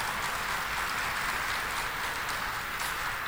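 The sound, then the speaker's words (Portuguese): A steady round of applause as everyone is welcomed to a consecration to Our Lady in the São José Chapel of the National Sanctuary: dense even clapping that holds at a constant level for a few seconds with no voices rising above it. “Vamos nos acolher todos com uma salva de palmas.”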